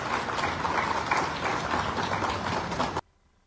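An audience at a property-deed handover ceremony in Parral applauds a woman receiving her deed, steadily for about three seconds, a dense, even wash of many hands clapping at once, then the sound cuts off abruptly into near silence.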